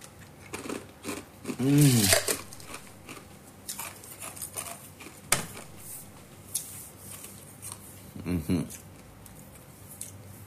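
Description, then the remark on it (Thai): Chewing and crunching of ice, with crisp, irregular crunches repeating throughout, interrupted by a couple of short voiced murmurs. “เคี้ยวน้ำแข็งนี่ตื่นเลย”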